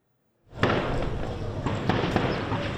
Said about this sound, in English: A volley of gunfire rings out in Port-au-Prince. Days of fighting between rival gangs are pushing Haitians in parts of the capital out of their homes in search of safety.